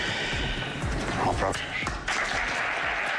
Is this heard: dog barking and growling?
no